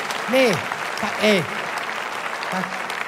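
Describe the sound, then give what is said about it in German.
A crowd claps in a steady, dense patter throughout, while a couple of voices let out short, swooping whoops over the applause. “Heute klatscht man, früher war das normal.”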